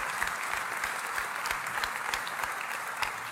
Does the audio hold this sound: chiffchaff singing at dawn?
no